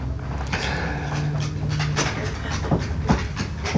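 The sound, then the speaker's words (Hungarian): A dog named Rudi, just jumped down from a lap, pants rapidly and steadily, its quick breathy huffs running continuously with a few sharper bursts near the end, against a low background rumble. “Hang, amit hallunk, a Rudi kutya.”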